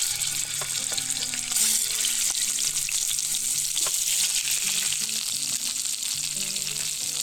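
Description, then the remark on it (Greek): Chicken drumsticks sizzle steadily in hot sunflower oil in a frying pan as they brown, a dense, continuous crackle with bright hiss, punctuated by occasional sharper pops and a faint low hum underneath; no one speaks. “Όσο πίσω ακούτε και δεν ξέρω αν βλέπετε που τσιτσιρίζουν τα κοτόπουλα, τα κοπανάκια και παίρνουν χρώμα, θέλουμε να τα θωρακίσουμε, να πάρουν χρώμα, να καραμελώσουν μαζί με το δέρμα από όλες τις πλευρές.”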